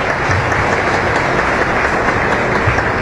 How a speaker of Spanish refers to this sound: Bueno, fuerte los aplausos.